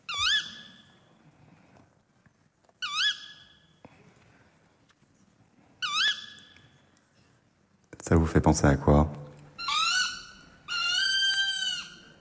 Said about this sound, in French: Hulotte. Ouais, c'est la hulotte. Ah, hulotte, ouais.